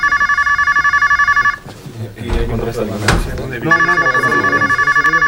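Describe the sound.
A telephone rings in rapid, buzzing bursts, breaks off while a Spanish voicemail greeting for a residence speaks over some clattering, then rings loudly again at the end.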